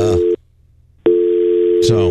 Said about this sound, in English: You don't hear that? I don't hear anything. Yeah, you hear the dial tone in my ear.